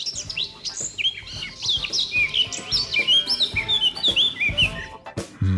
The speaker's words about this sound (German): Also, jetzt hier bei mir auf Bayern 1 die Top 3 der beliebtesten Vogelstimmen laut Universität Tübingen. Platz 3, die Mönchsgrasmücke.